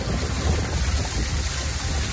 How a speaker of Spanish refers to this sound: Es el sonido de los coches pasando por las calles anegadas de Orihuela.